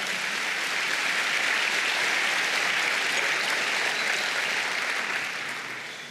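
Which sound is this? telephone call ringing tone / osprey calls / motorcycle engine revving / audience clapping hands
audience clapping hands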